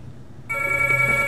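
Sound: telephone ringing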